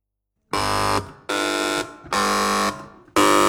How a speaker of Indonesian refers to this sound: Sebelum kita mulai babak rebutan, masing-masing regu dipersilakan untuk menekan bel, dimulai dari regu A, regu B, regu C, regu D, secara bersamaan.